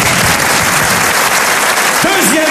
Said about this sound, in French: on t'applaudit.